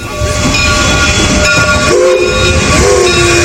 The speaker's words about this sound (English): Train is rolling on.